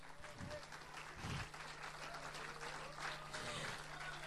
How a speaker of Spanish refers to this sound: Si es para mí ese aplauso, no me impresionó en lo absoluto. Si es para Dios, creo que se merece algo mejor.